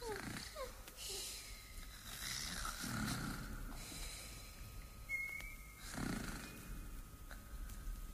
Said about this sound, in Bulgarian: А, изчезнаха. Както хъркаха, изчезнаха и двете.